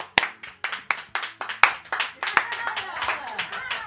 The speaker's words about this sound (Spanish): Vaya bien que aplaudes, chaval. A vero. Vaya bien que aplaudes. Vaya manos, chaval. Aplaude. A vero. Aplaude, aplaude.